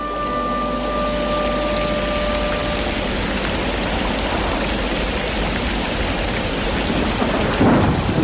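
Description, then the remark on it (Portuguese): A strong, heavy thunderstorm with steady, dense rain pouring down and low rumbling thunder rolling throughout, loud, with no voices present. “Ai, Jesus, que trovoada tão forte, Santa Bárbara nos acuda.”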